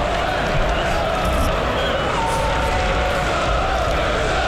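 A football stadium crowd at a Newcastle United match keeps up a loud, steady roar, a dense wash of many voices that holds at an even level throughout without breaking into distinct chants or cheers.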